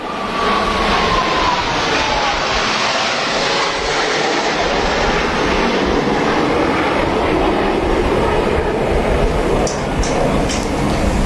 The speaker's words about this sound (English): I'll stop yammering here for a moment as we watch those planes fly by. This is pretty amazing, just how low they are to the water. You can hear the crowds cheering as well.